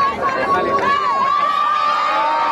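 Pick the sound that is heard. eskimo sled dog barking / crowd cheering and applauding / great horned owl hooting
crowd cheering and applauding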